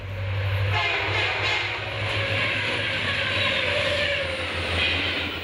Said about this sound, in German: Mittlerweile durchfährt unser Zug die Marschlandschaft im Grenzgebiet von New Brunswick und Nova Scotia.